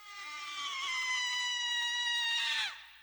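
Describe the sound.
A single long, shrill human scream with a squawking, hen-like quality, held steady for a few seconds before breaking off with a quick downward drop. Loud, with no other voices.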